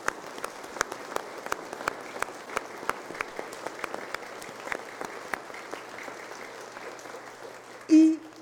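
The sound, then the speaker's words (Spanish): The parish community of the San Antonio de Padua parish applauds in a dense, steady wash of many hands clapping that gradually thins out, then a voice briefly cuts in at the very end. “Y porque ustedes son los que construyen el reino, en esta parroquia de San Antonio de Padua vamos a dar un fuerte aplauso a la comunidad parroquial.”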